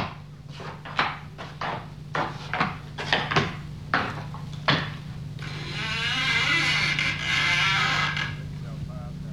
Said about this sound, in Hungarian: Nyisd ki az ajtót, hogy bemehessünk.